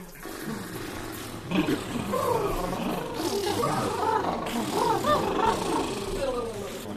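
Drawn-out, breathy yawning vocalizations, moderately loud, with the pitch sliding up and down over several seconds and no pauses between them.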